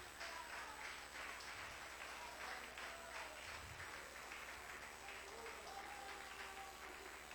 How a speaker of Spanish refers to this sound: Denle un aplauso fuerte a Cristo.